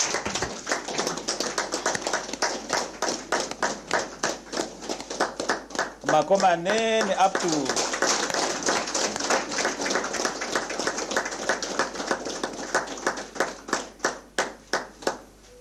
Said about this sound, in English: allow me therefore to invite Honorable Emmanuel Shishueni Shikongo, Governor of the mighty Omsati region, to come and deliver the State of the Region address. May we rise, clapping hands for him.